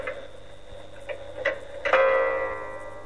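A clock ticks softly a few times, then strikes once for one o'clock in the afternoon. The single bright chime rings out, its tone lingering and slowly fading over the final second.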